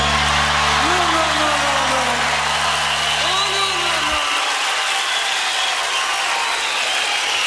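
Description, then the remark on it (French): A telephone being dialed, with a steady mechanical ratcheting over a low humming tone that cuts off abruptly partway through, leaving a loud hiss of noise. “Voilà, téléphone pour démarrer cette hors-série de Jungle Fever consacrée aux 40 ans de Radio Déclic.”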